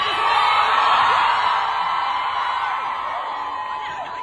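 A large crowd at a Q&A event cheers and oohs as someone throws a water bottle at a performer leaving the stage: a loud, continuous wash of many voices, with scattered whoops and yells rising above the roar before it eases slightly toward the end.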